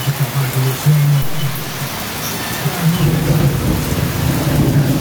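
Steady, dense rain pours down with a constant hiss while low thunder rumbles underneath, rolling on and off throughout; the rain is falling in Santa Rita, São Miguel do Oeste, on a Friday evening; no voices are heard.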